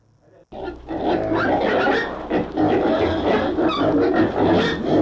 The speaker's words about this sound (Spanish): ¿Cómo andan los chanchos aquí en el zoológico?